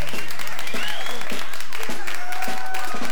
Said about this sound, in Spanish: brindamos un fuerte aplauso a nuestra compañerita de batalla de todas las mañanas, la reina del hogar, la ama de casa. Fuerte los aplausos,